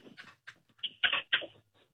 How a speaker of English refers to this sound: Why did I just hear a dog bark?